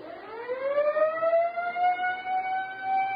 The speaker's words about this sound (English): Siren's okay. Huh? The siren. Try it. Oh, yeah, sure.